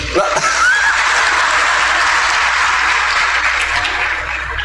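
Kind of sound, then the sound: crowd, audience applauding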